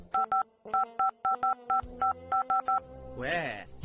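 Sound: mobile phone dialing tones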